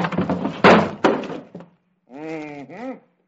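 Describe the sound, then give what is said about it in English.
Heavy banging and thudding as a hammer is used to knock a wooden door off its hinges, several loud knocks and clatters in quick succession, followed by a short pause and a drawn-out, wavering squeal. “Hey, what are you trying to do to that door? Take it off the hinges.”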